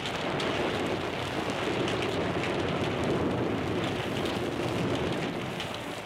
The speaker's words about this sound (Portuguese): ou uma chuva com trovões que ilustrava as séries de suspense.